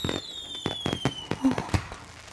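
A rapid, irregular string of fireworks bangs and crackles pops off in a fireworks display, with a thin whistling tone sliding downward behind the first few bursts. No one speaks.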